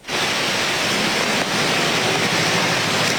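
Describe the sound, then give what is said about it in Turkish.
Heavy rain pours down on the streets of Istanbul, Turkey, in the evening, in a dense, steady hiss that stays loud and unbroken throughout, with no voices or other distinct sounds standing out. “Yağmur devam edecek.”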